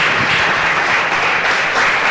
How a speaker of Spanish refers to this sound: ¿Cuántos dicen gloria a Dios? Gracias, Señor. Denle ese fuerte aplauso a Jesús.